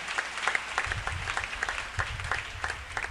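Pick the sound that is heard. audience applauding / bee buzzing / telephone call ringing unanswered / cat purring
audience applauding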